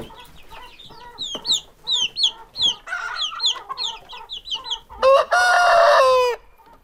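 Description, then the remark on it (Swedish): Chickens cluck in a quick, busy series of short calls, then one long, loud, strained crow rings out and stops. No one speaks. “Här har vi kycklingar.”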